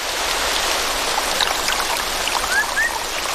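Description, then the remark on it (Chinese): A rainforest stream swollen after afternoon rain rushes steadily in a dense, continuous wash of water noise, loud throughout, with a couple of faint high chirps rising near the end. “随着雨林各处溪流水位上涨，一种小动物的世界开始焕发活力。”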